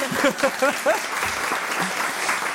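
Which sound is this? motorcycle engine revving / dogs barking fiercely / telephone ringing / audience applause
audience applause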